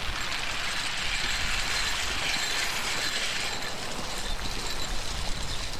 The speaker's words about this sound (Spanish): Y este sonido metálico que se escucha son tubos en la superficie del agua que giran y lanzan la alimentación a los peces que están en las jaulas.